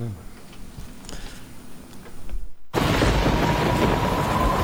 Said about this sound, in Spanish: La lluvia y el frío, afuera.